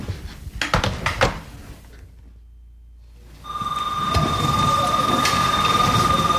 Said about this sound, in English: School I go to is Boston Latin Academy in Roxbury. Right now, I'm just going through the hallways. Bell just rang. Fourth period. Lunch is about to start.